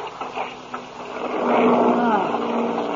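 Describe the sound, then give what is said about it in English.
A droning aircraft engine hums at a low, steady pitch, with a few uneven bursts early on before the roar swells louder and rougher, wavering like motors starting to falter. “Hey, sounds like something's wrong. Huh? Listen to those motors.”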